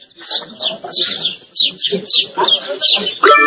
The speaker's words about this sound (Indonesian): Burung-burung.